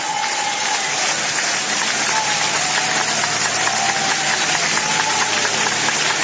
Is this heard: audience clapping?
yes